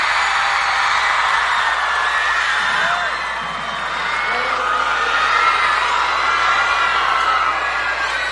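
A large audience applauds and cheers continuously, with dense clapping, whoops and shouts blending into a loud, steady roar that stays strong throughout.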